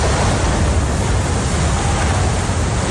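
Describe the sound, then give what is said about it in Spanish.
The tunnel boring machine Mairit breaking through into Madrid Río station in Madrid, Spain, completing the first 1,116 metres of tunnel: a loud, continuous roaring rumble with a dense grinding hiss, steady and unbroken throughout, with no voices. “Este era el momento en el que la tuneladora Mairit llegaba a la estación de Madrid Río.”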